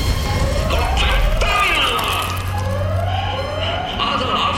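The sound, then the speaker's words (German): A loud evacuation alarm siren at the headquarters wails in repeated rising sweeps, each tone climbing in pitch before resetting, layered over a steady low rumble and hiss. “Hört der Alarmstufe.”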